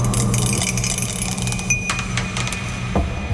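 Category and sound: household object, die being rolled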